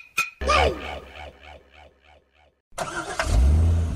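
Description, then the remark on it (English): A car engine in traffic cranks and turns over with a rhythmic chugging, falls briefly silent, then roars back up and revs loudly. “Ah, this traffic is terrible.”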